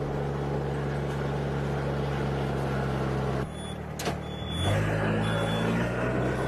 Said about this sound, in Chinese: 随着装满秧苗的插秧机缓缓驶入水田